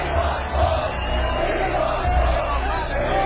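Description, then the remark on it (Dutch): A concert crowd shouting and cheering after the lights go out and the band has left the stage, a continuous, dense roar, loud and sustained throughout with no pauses, many voices blending into one wall of noise. “En je iedereen hoort schreeuwen?”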